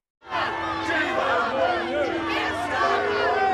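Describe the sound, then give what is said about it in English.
A dense crowd boos and heckles the Prime Minister as he visits the area of North London where two Jewish men were stabbed, many raised voices shouting over one another in a loud, continuous jeer that starts abruptly and stays intense throughout. “The Prime Minister booed and heckled when he visited the area where two Jewish men were stabbed in North London this week.”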